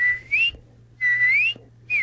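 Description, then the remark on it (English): Clear, loud whistled notes imitating a cardinal's song: three phrases of rising, sliding tones with brief pauses between them, the middle phrase longest, and no talking. “My cardinal is more...”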